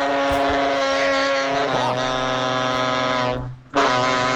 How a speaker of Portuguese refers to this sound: Cara, seu caminhão tá vivo, cara? Será que ele deve ser um robô? Você viu? É isso, velho. Nossa senhora, velho. Ó, seu... tá parecendo um alienígena, seu caminhão, velho. Tá barulhão estranho, hein?